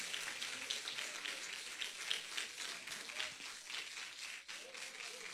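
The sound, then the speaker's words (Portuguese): An audience claps hands together to praise the Lord, a steady, dense patter of many hands, sustained throughout at a moderate level with a brief dip near the end. “Quem exalta o Senhor com alegria, bate as palmas da glória.”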